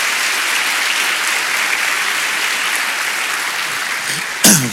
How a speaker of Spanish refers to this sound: Vamos, dele palmas al Señor por eso. Dele palmas, dele palmas.